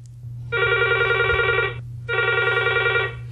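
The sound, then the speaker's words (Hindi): A telephone rings twice in a steady, buzzy tone, each ring lasting over a second with a short pause between, fairly loud over a low constant hum, as a listener calls in to a radio phone-in song programme in Bhopal. “आपके फोन का हमें इंतजार रहेगा।”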